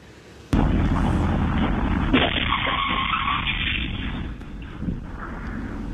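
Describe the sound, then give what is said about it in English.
A BMW slams into a school bus carrying students with special needs in Massachusetts, north of Boston: a sudden loud crash after half a second, then a sustained roar of grinding, skidding metal and flying glass and debris that stays loud before slowly easing off. No one speaks. “Glass and metal go flying as a BMW slams into a school bus carrying students with special needs.”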